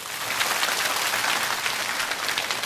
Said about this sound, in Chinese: 据我所知，咱们班相当多的同学是第一次读这首诗，第一遍就能读得这么好，掌声送给自己。